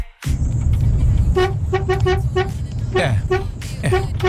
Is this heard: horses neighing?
no